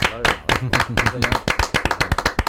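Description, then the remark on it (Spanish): An audience bursts into an ovation for an author guest, a dense run of sharp, bright claps that grows steadier toward the end, while a voice talks over the first half. “Te vamos a dar una ovación ahora, justo claro, en este momento, sí.”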